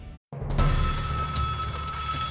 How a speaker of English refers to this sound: It was 1 a.m. on a Sunday when the phone rang.